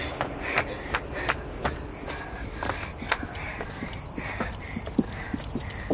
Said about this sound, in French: Regarde, un cheval! T'as vu comme il est maigre?